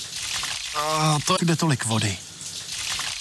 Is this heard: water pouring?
yes